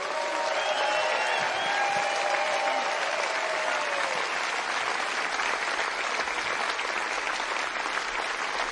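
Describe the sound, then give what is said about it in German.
At a festival in Nuremberg, Germany, a large audience claps steadily for the technicians and staff, a dense, loud wash of applause sustained throughout, with a few whoops and cheers rising above it early on before settling into even clapping. “Einen riesen Applaus für die ganzen Techniker und alle Bediensteten hier.”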